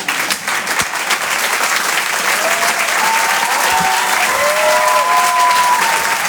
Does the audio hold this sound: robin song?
no